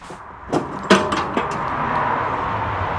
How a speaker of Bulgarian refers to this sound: Товарене на маркучи, лопати и вода. Екипът ни тръгва заедно с доброволци към пожара високо в планината.